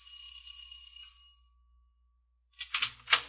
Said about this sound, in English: I could hear voices behind the door. I rang the bell.